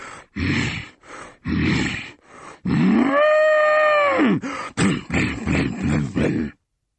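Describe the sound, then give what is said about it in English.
A voice imitates an angry bull: a run of rough huffing snorts, then one long, loud bellow that rises and falls in pitch, followed by quick grunting puffs. “When the hungry sheep is full, I charge about like an angry bull.”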